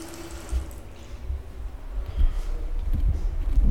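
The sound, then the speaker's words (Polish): Water runs steadily from a tap, a continuous rushing and splashing with a low, rumbling body, moderately loud, swelling slightly toward the end. No one speaks. “Drzwi zamknąłem i teraz, proszę Państwa, mogę puścić wodę.”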